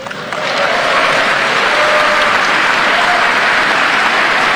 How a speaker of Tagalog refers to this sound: Kahina yun, dumalaganan ang palakpak sa iban, ha?